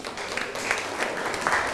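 A group of classmates in a school lesson on practising a sangha offering applaud a classmate who has just told what items he prepared. A steady patter of many hands clapping together with brief swells in the burst, no one speaking over it.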